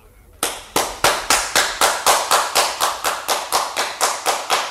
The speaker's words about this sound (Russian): Услышите? Опять? Это действительно похоже на аплодисменты. Там наверху кто-то есть.